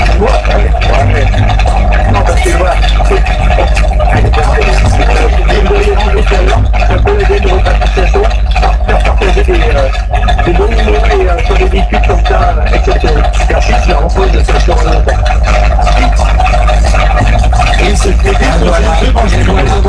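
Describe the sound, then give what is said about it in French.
A loud, steady engine drone from an open car on the move through the countryside, continuous throughout with rushing wind noise and indistinct voices faintly mixed in. “Le fait d'être dans une voiture comme ça avec ses ouverts, c'est pour son l'odeur du moteur, l'odeur de la campagne, le vent, sa ventrille, sa planchement”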